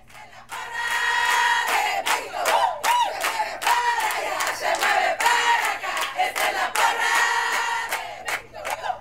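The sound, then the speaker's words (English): Parents cheer and shout loudly and continuously for Tijuana's Little League baseball team, which is representing Mexico in the Little League World Series, with overlapping excited voices and bursts of yelling that rise and fall over several seconds. “These parents aren't cheering for just any Little League baseball team.”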